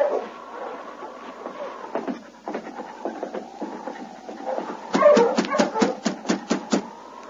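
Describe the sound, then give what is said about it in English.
A husky sled dog team with a black lead dog barks in a lively chorus, with scattered yaps at first and then a rapid burst of loud barks near the end over a thin, wavering whine. “There's a dog team out in front.”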